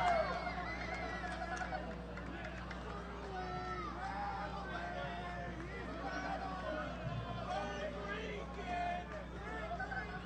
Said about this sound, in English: The crowd here in Indianapolis waiting for fireworks is starting to get a little bit of life here.